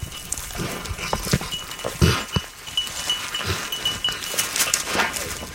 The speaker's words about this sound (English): Wheeler's little bell slows down. He lowers his head to sniff something, snorting a little bit.